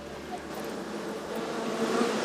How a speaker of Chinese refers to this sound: 你看这个蜜蜂密密麻麻的，这起码得有几万只。